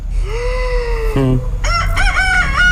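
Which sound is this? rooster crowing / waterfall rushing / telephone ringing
rooster crowing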